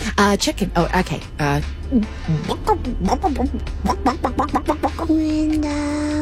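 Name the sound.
voice imitating a chicken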